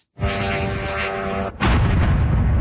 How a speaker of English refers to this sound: That's one drone hitting an apartment building in Kyiv.